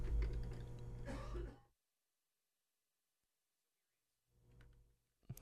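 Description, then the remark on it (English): A loud stretch of coughing and throat clearing caused by smoke, then a couple of seconds of silence, followed by a softer throat clear and one last sharp cough. “So here is, pardon me, the smoke got in my, you know, it says bad, and I had to have a little coughing fit.”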